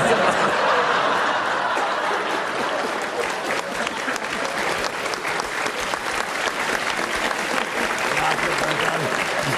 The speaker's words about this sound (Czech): Vidíš to? A v tom je síla Jiřího Kodeta. Jedna věta a aplaus, to rozumím.